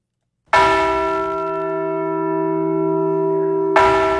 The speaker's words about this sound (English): Governor Armstrong and the State Historical Society Director Bill Peterson rang North Dakota's Liberty Bell replica at the state's Heritage Center in Bismarck. North Dakota received the bell in 1950. It was part of a nationwide savings bond campaign.